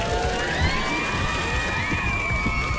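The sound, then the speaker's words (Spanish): A crowd applauds and cheers loudly and steadily for couples married 50 years, with dense clapping and high whoops and shouts rising over it throughout. “Por favor, aplausos de nuevo a esos matrimonios, de los de antes, de los buenos, de los bonitos.”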